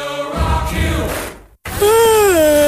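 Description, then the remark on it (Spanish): A person yawns loudly, a long drawn-out voiced yawn that breaks briefly and then stretches into a second sighing, wavering groan. “Ay, ¿tanto bostezo tú?”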